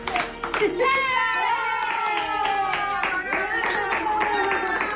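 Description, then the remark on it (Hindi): Copito, a poodle, claps its paws in quick, steady pats that repeat throughout, fairly loud, while family members sing Happy Birthday in Spanish over the top for its fifth birthday. “जब परिवार के सदस्य उसके लिए स्पेनिश में हैप्पी बर्थडे गाना शुरू करते हैं, कोपिटो खुशी से अपनी पूंछ हिलाने लगता है और अपने छोटे छोटे पंजों से तालियां बजाने लगता है।”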